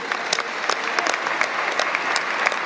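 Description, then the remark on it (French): An audience applauds the many people who contributed to a restoration, a dense patter of many hands clapping with sharp individual claps poking through, sustained at an even loudness with no voices over it. “C'est d'ailleurs très impressionnant sous les applaudissements d'avoir le nombre de personnes qui ont contribué à cette restauration.”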